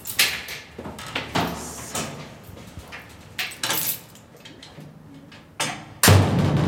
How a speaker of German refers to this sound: So klingt es, wenn die metallene Tür zu den Felsengängen unter Nürnberg hinter einem zufällt.